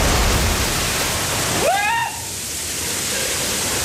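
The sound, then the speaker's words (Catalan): A heavy roar of crashing, rushing water as a breaking ship's funnel, tons of steel, falls into the water, broken midway by a brief rising-then-falling wail before the torrent drops to a softer churning. “A la vida real, la xemeneia que es trenca, les tonelades i tonelades d'acer que es precipiten sobre l'aigua, cauen just on hi ha en Richard i el seu pare.”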